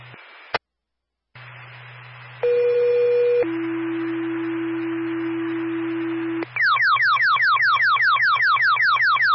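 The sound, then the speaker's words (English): A fire radio dispatch alert plays over a low hum and static: a brief click, then two long steady tones, one higher and one lower, followed by a rapid repeating warbling sweep, loud. “Fire, stand by for tone.”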